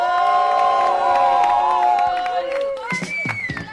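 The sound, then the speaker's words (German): A crowd cheers and shouts loudly and steadily for a two-on-two basketball game of girls versus boys, high excited voices and whoops overlapping, then the roar breaks into scattered individual yells near the end. “If you root for the ladies, make some noise!”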